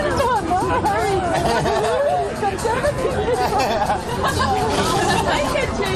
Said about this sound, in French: Tintement des éco-cups, éclats de rire et chants des oiseaux en fond sonore, bienvenue au parc de l'Etna.